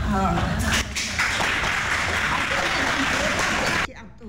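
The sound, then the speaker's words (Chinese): A large audience at a school graduation ceremony applauds steadily for several seconds for a graduate of a junior high continuing-education program, a dense wash of clapping with a voice briefly audible over it, before the applause cuts off abruptly near the end. “现在她终于领到了国中进修部的毕业证书，女儿一路陪着她，看着妈妈的成长， 掌声鼓励哦！”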